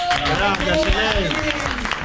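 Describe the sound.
A crowd applauds steadily for a person being introduced, with dense, loud clapping throughout, while voices call out and cheer over it.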